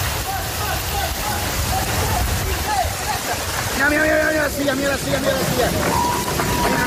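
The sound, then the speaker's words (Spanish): A dense, steady roar of heavy rain pours down without pause, loud, with brief voices rising over the downpour partway through; rain that has been falling all day in the Valencian Community, Spain. “Como la que ha estado cayendo todo el día en la Comunidad Valenciana y que se espera a lo largo de hoy en el País Vasco, en Cantabria, en Cataluña y en las Islas Baleares.”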